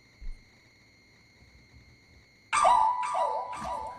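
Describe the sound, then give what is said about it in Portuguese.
After a quiet stretch with a faint steady whine, a small dog lets out a few loud, high-pitched yapping barks into a microphone, coming in quick succession toward the end. “O cachorrinho late, ele volta no microfone e late de novo.”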